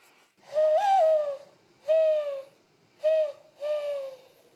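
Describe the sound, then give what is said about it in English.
Hollow, breathy coos blown by a woman through her cupped hands, an imitation of a mourning dove: one long opening note followed by three shorter ones, clear with no talking. “and even learned to coo like a dove by blowing into her cupped hands.”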